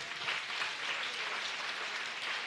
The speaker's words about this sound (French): Bah bon, je vous prie pour applaudir ce matin.